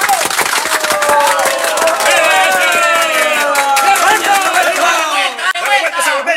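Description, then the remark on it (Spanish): At a tribute held at a singer's home by a group of artists celebrating his 50 years of singing, a crowd bursts into loud, sustained applause with dense rapid clapping, mixed with cheering and shouting voices, before thinning out near the end. “¡Venga ese aplauso!”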